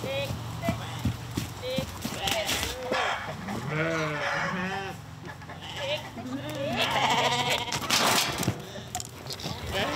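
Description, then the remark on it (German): Several wavering sheep bleats overlap one another against steady outdoor background noise, with faint trampling or hoof-like knocks underneath. “hat das Schaf dann doch keine Chance.”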